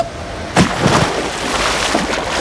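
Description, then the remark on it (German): A splash as someone jumps into water, a sudden burst followed by a couple of seconds of churning, sloshing water noise, with no voices. “Ins Wasser gesprungen.”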